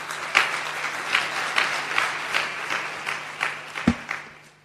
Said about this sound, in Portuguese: E estes tios que estão aqui da comunicação social fazem um bom trabalho, por isso que estão aqui a trabalhar conosco para divulgar os direitos das crianças, e eu também quero pedir uma grande salva de palmas para eles.